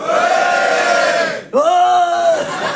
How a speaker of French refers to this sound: Oh, ils se sentent toujours obligés de beugler, les garçons. Hein? Je sais pas, tu sais, d'hurler à la face du monde.